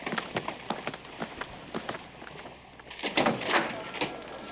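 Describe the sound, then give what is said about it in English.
A door opens with a scraping, sliding rush as someone enters a room, after a string of quick, light footsteps or shuffling knocks. Moderately loud, with no one talking. “Usually people knock before they come into a room.”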